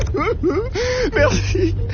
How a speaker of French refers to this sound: Mais c'est quoi qu'on entend, Abel? On dirait... Quelqu'un qui pleure.